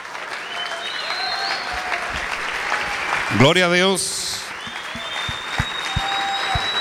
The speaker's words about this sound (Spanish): Gloria a Dios. Un aplauso al Señor con todo su corazón. Aleluya.